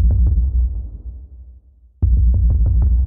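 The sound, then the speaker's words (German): A person drums a rhythmic pulse on a desk: deep, muffled thumps in a steady repeating pattern, loud, dropping out briefly before resuming with crisper knocks. “Das heißt, ich habe auf dem Schreibtisch rumgetrommelt, dieses du-du-du-du, du-du-du-du-du-du.”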